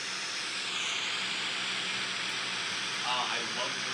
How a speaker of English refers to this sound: This is white noise. 10 hours of static on Spotify.